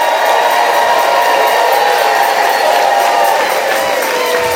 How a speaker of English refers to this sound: Okay, let's give one last Federation huge round of applause to these outstanding award winners.